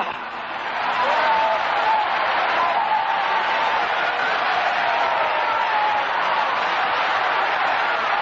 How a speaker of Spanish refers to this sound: aplaude a Dios, esta noche, apláudelo. Que con tus palmadas salen los demonios, porque tu palmada está ungida por el Espíritu Santo.